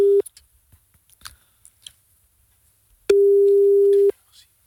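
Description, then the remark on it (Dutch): A steady, pure telephone ringback tone sounds as a call is placed: a brief tail of one ring, a pause with faint clicks, then a full one-second ring, clear. “We kunnen hem in ieder geval even bellen.”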